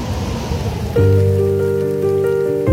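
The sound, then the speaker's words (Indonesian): Heavy rain hisses steadily in strong wind while people work building a makeshift bridge for a village. After about a second a loud, sustained droning tone joins over the downpour and holds to the end. No one speaks. “Di tengah hujan deras dan angin kencang, mereka tetap bekerja menunjukkan kekompakan.”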